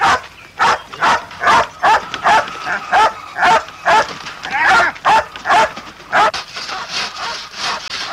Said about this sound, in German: Ich glaube, es ist schon wieder ein Fuchs oder ein Marder im Hühnerstall.